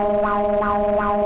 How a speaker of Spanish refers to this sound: Alerta sísmica. Alerta sísmica. Güey, yo no sé quién puso ese sonido. Alerta sísmica. Alerta sísmica.